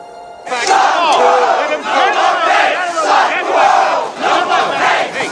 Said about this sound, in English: A crowd of newsies protests in front of the newspaper building, which is guarded by police.